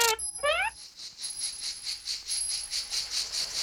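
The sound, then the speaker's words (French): Cicadas sing in a continuous, shrill high-pitched buzz that swells and fades in a steady pulsing rhythm, after a brief tinkling chime at the start. No voices. “Ce chant, c'est celui des cigales.”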